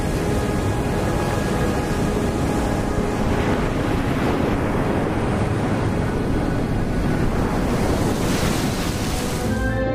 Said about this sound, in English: The secluded Costa Verde, the green coast in the southwestern part of Sardinia, is known for its strong surf.